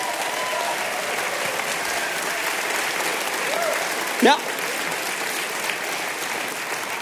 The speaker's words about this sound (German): Dankeschön. Komm, geh nochmal vor, verbeug dich nochmal. Das ist dein Applaus.